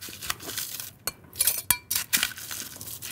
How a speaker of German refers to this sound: Da fangen wir damit an, dass wir Eiswürfel ins Glas tun.